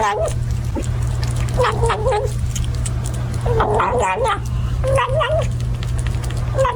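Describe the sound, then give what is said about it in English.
A kitten gobbles its food noisily, like a turkey, letting out several wavering, growly little vocal bursts between chews, over a steady low background hum. “That is a kitten eating food, gobbling like a turkey.”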